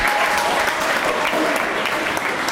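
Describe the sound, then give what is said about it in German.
An audience applauds performers standing on a stage, clapping steadily in a dense wash of many hands with no pauses, fairly loud and even throughout, with no voices standing out. “Dieser ganze Stress, Verzweiflung, alles, weil man dann auf dieser Bühne steht, den Applaus hört.”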